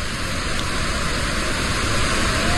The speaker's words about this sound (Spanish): Bad Gastein es una ciudad que parece construida en una ladera casi vertical, y por en medio pasa una enorme cascada de agua, una gigantesca cascada de agua que pasa por en medio del pueblo, que mira, así sonaba la cascada de Bad Gastein.